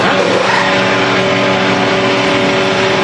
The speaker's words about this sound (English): Drivers revved engines and a pit crew showed off a quick pit stop outside the White House during a Freedom 250 Grand Prix showcase.